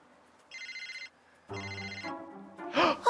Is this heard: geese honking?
no